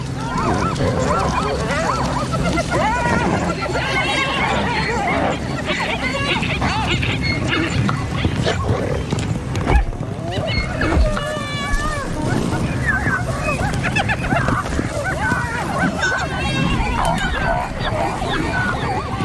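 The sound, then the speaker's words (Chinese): A chaotic wildlife struggle as spotted hyenas, hunting cooperatively as a group, attack a zebra herd, singling out young and weak zebras: a loud, continuous tumult of braying, honking zebra calls and excited animal cries, with bursts of commotion throughout. “混乱中，斑鬣狗专挑年幼体弱的斑马下手。”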